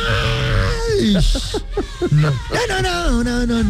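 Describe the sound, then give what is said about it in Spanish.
A loud, strained singing voice belts out sustained, sliding notes with a raw, almost screaming edge, over a few seconds of continuous, full-throated vocals. “Estas de grito herido.”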